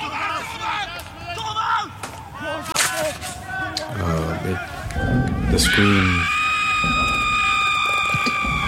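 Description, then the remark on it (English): Amid a noisy jumble of voices and clatter, a loud, high-pitched human scream breaks out partway through and holds steady, piercing and sustained, until the end. “The scream.”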